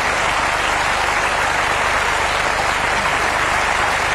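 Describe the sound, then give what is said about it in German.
Sustained audience applause after a song, a dense steady wash of clapping that holds at an even, loud level throughout with no voices breaking through. “Ja, manchen Applaus muss man auch verdienterweise, finde ich, immer noch eine Weile laufen lassen, weil es nicht nur Applaus ist, es gehört ganz zwingend zum Lied.”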